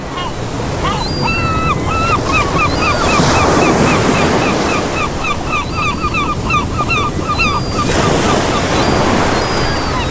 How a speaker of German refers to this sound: Und falls Sie gerade auch irgendwo noch auf Arbeit sitzen und sich gerade denken, boah, jetzt schön am Strand oder am Meer liegen, das wäre doch was, da habe ich was für Sie. Für Sie die nächsten 10 Sekunden Meeresrauschen.